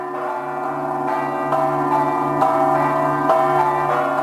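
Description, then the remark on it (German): The church bells of St. John's Co-Cathedral in Malta ring steadily, their strokes overlapping into a sustained, resonant wash of harmonic tones that swells slightly with each new strike, heard alone without voices. “Ja, uns weisen hier im Hintergrund, man hört schon die Glocken dahin, zur St. John's Cathedral.”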